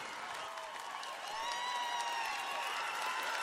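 Steady, dense audience applause filling the whole stretch, with high whoops and cheering voices rising over the clapping. It stays loud throughout and swells slightly midway.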